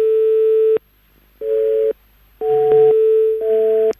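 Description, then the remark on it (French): A telephone busy signal: a steady mid-pitched tone sounding in repeated on-off pulses, four bursts with short gaps of silence, fairly loud and with no one talking. “Apparemment, c'est la nouvelle sonnerie, comme quoi vous êtes occupé.”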